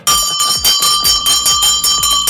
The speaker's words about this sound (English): Oh, this bell is sounding awfully louder today. Oh, we don't know what happened.